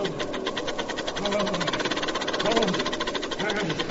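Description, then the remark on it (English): A steam shovel engine chugs steadily with a fast, even mechanical knocking rhythm, loud and continuous throughout, with faint voices briefly rising underneath the clatter. “Hey, what are you doing playing around my steam shovel?”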